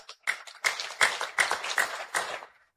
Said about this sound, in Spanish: Que hago un fuerte aplauso